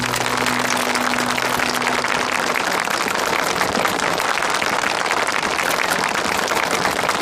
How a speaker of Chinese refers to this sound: 让我们以热烈的掌声祝贺何树国同志来领取这一份难得的殊荣。